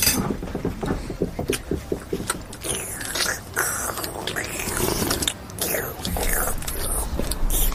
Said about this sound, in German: Hör mal auf zu schlürfen.